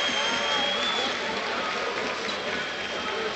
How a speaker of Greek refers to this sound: Χειροκροτεί ο κόσμος του Παναθηναϊκού.